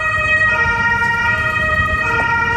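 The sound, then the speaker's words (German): A loud emergency vehicle siren wails steadily over the low rumble of an idling engine, continuous throughout, with no voices, at a residential house on Moltke-Straße in Görlitz city centre, Germany, that collapsed after an explosion, with fire brigades and ambulances on scene. “Feuerwehren und Rettungswagen sind vor Ort.”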